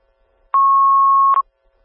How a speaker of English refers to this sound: these are cancellation tones for the rescue call in Elkhorn.